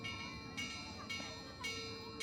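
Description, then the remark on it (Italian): The baudetta, a church bell of the Valle Maira, rung to close a commemorative walk, struck in quick, steady hammer blows alternating clapper and hammer, roughly two per second, each clang overlapping the last so the metallic ringing never dies away. Fairly loud, with no voices. “Si partiva alla fine dell'estate, dopo la celebrazione della festa della Madonna della Natività di Maria, e in quell'occasione veniva suonata la baudetta, una campana che aveva un suono particolare, a martello.”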